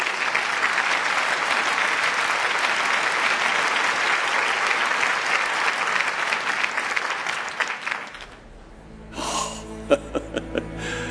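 Sustained, dense applause from a crowd claps steadily for about eight seconds, then cuts off; a few faint clicks and a brief tonal sound follow in near quiet.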